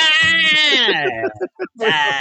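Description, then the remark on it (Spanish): A goat bleats loudly, a quavering, nasal cry that wobbles downward, breaks into a few short stutters, then rises again in a second bleat. “Sonó la vaca, sonó el gallo, sonó la chiva también.”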